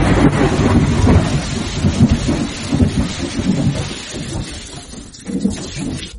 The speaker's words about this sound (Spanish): No, hombre, está todo lo que da la tormenta por allá,